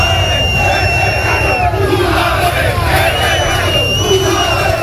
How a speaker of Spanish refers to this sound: Pues muchos gritos, mucha tensión en la salida previa del autocar del equipo.